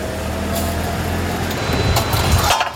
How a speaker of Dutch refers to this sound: Oh, daar komt ook nog een vrachtwagen rakelings langs.